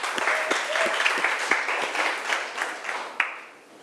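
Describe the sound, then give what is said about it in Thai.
A crowd of students claps steadily for a few seconds for the maker of an educational video clip, a dense patter of many hands with a few sharper individual claps standing out, fading slightly toward the end. A faint voice may murmur underneath. “เราก็ต้องขอขอบคุณเจ้าของสื่อวิทัศน์ในวันนี้ด้วยค่ะขอเสียงปรบมือให้เจ้าของสื่อวิทัศน์ในครั้งนี้ด้วยค่ะ”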